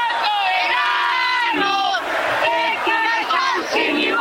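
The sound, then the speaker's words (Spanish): A crowd of fans shouts and cheers loudly and continuously, many voices blending into sustained, rising yells and chant-like cries that fill the whole stretch without a break, while they wait for pirate-ship boats to set off toward the Kempes stadium. “Pero a ver, un poquito más de grito, a ver, para que la gente escuche el país.”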